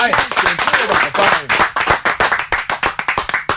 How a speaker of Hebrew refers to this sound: זו באמת, איזה כפיים.